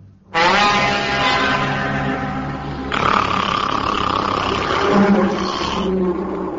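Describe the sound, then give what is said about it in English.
A huge, rumbling dragon roar bursts in and sustains for several seconds, a deep guttural growl with harsh raspy overtones that shifts in tone partway through before trailing off. “It was a dragon.”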